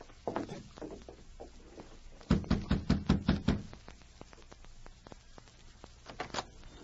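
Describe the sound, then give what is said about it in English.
Someone raps on a door in a quick, even series of about seven firm knocks, with softer shuffling and scattered light taps before and after. “Hey, you knock on the door.”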